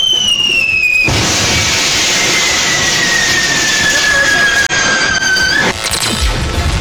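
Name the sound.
fireworks explosion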